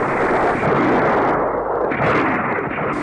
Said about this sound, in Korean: 밥을 다 먹기가 바쁘게 미친 듯이 쏘아대는 총소리가 영봉정을 뒤덮었다.